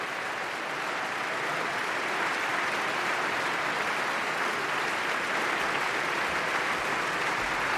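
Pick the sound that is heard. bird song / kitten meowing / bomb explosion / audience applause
audience applause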